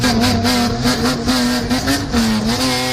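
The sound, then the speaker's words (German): A Japanese man's car engine revs loudly and continuously through its exhaust system, its pitch stepping up and down to play Jingle Bells. “das war Jingle Bells aus der Auspuffanlage”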